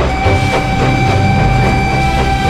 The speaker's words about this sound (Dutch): De trein. Ik reis er graag mee. Een heerlijke, comfortabele manier van reizen naar bijna alle bestemmingen op het westelijk halfrond.